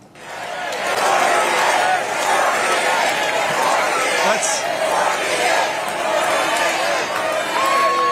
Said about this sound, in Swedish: Och det lät rätt mycket som en uppladdning för 2028 när publiken skanderade och skrek att han skulle bli den 48:e presidenten.